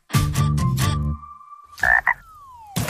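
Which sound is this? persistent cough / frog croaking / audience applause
frog croaking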